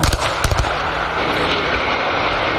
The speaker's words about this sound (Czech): Demoliční firma před necelou hodinou odstřelila liblické vysílače na Kolínsku.